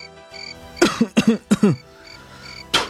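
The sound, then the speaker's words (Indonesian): A child coughs three times in quick, rasping succession, then after a short pause spits once into a bowl with a sharp, wet burst, with no talking. “Nak, buanglah ludahmu ke dalam mangkuk ini.”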